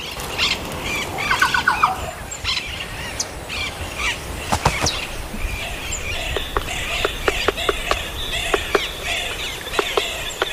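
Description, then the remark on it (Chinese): As sunlight breaks through the clouds, birdsong rings out and echoes among the mountains: a steady stream of bright chirps and harsher squawking calls, overlapping and repeating, clear with no talking. “当阳光穿透云层，山间又回荡起悦耳的鸟鸣。”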